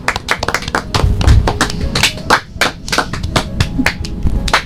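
A group claps for a participant who gave information about organic farming, a dense run of sharp hand claps at a quick, slightly uneven pace that carries on from start to finish at a fairly loud level.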